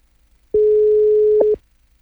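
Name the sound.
phone call ringing tone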